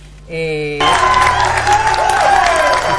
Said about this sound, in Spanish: Un aplauso a todos los ganadores que colaboraron con ustedes.